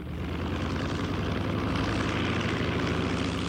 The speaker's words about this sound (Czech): Letadlo se čtyřlístkem se vyhouplo nad mraky.